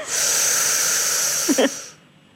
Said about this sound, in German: Also jetzt liege ich und jetzt muss ich... Jetzt atmen Sie mal ein.